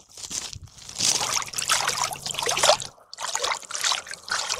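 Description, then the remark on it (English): Water trickles and splashes in steady, uneven bursts, with a brief lull partway through before the sloshing picks up again. No voices are heard. “The water's not cold yet, but it's probably because it's also still kind of warm out.”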